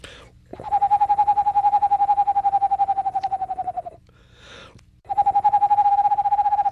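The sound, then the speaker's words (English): A person imitates an Eastern Screech Owl with a long, steady, mid-pitched whistled trill of rapid even pulses, pausing briefly before starting a second trill at the same pitch. “And I imitate the calls for all the North American owls, Mexico excluded, let's say.”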